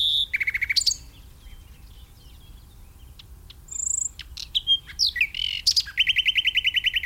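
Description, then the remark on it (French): A European robin sings alone at close range: a string of varied high, thin phrases, quick trills and clear whistles separated by short pauses, ending in a rapid repeated twittering run. “Voilà un autre candidat pour être parmi les plus fréquents en France, c'est le rouge-gorge”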